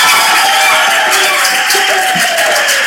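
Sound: audience applause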